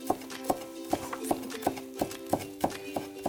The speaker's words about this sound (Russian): Ребята, если вы не знаете, как я так быстро режу, то я вам расскажу маленький секрет.